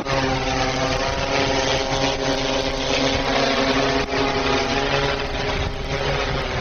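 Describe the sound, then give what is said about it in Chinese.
A steady, loud mechanical buzz with a droning whine of a police drone's rotors spinning, flown by long-range wireless remote control for aerial reconnaissance of an arrest site, holding an even pitch and volume throughout with no voices. “对一个不清楚地形和环境的抓捕现场，那么有了无人机以后呢，就可以通过远距离的无线遥控的形式，加上我们无人机这个空中视角来进行 全方位的侦查，有利于我们掌握立体的信息。”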